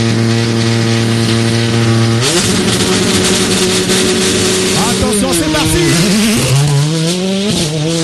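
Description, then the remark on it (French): A rally car engine idles with a deep, steady harmonic drone in the seconds before the start of a night special stage, then roars into loud revving at launch, its pitch climbing and dropping through several gear changes. “On est déjà là à quasiment 10 secondes maintenant, 10 secondes du départ. Et ça ronfle fort.”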